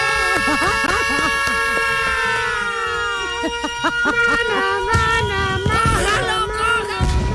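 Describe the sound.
A siren sound effect played on a radio show for listeners to announce a giveaway of a 2014 World Cup doll wails with a steady, slowly gliding tone and bright harmonics throughout, while a voice talks over it and a burst of louder noise joins near the end.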